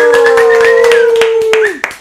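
Loud applause with sharp hand claps throughout, as the audience welcomes the salsa group a band, under a sustained tonal howl-like cry that holds steady and then slides down and cuts off near the end.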